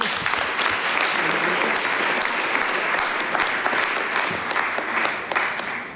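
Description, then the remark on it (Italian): Sustained audience applause welcoming a professor who presents data at a CNA event, a dense, steady wash of many hands clapping at full volume for about six seconds before it starts to taper off at the end. “Accogliamo con un caloroso applauso la professoressa.”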